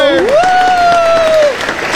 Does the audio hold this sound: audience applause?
yes